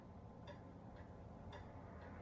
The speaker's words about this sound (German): Hörst du die Uhr ticken?